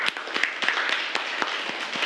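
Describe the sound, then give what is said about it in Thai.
A room full of people applauding a friend once more, a dense patter of many hands clapping at once with a few sharper claps standing out, steady for a couple of seconds. “อันนี้อธิบายได้ดีมากเลยนะครับขอเสียงปรบมือให้เพื่อนอีกครั้งหนึ่ง”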